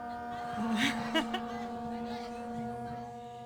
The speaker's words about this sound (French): Voilà, donc en fait, c'est ça, il s'agit des cornes de brume des bateaux du Pirée, qui est l'un des plus grands ports d'Athènes, où partent les ferries pour aller dans les îles grecques.